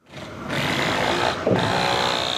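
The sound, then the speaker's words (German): Busy construction noise at a huge building site in central Berlin, next to a gas-fired heating power plant, where the foundation slab for a future boiler house of a new power-to-heat plant is being poured: steady mechanical grinding and whirring, dense and fairly loud, with a brief dip and a clatter midway; no voices. “Eine riesige Baustelle in der Berliner Innenstadt, direkt neben dem gasbetriebenen Heizkraftwerk Mitte.”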